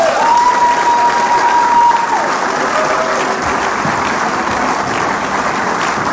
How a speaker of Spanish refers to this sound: ¿Por qué no le dan un aplauso a esta mujer de Dios?